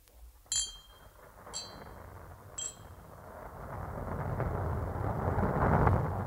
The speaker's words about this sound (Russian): Что это? Стреляют? Это гроза. Вот это действительно гроза.